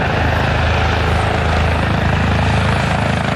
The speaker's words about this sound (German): Und gerade dann kommt der Helikopter auf dem Gelände an.